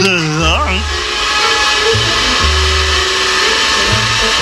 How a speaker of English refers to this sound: Pumping Jehoshaphat! Distortion and feedback! That's the vacuum cleaner! Oh, yes, yes. So it is. The vacuum cleaner.